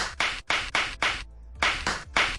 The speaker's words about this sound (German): Knallerbsen? Nein, keine Knallerbsen. Die werden zwar gerade reif, aber es sind Badelatschen.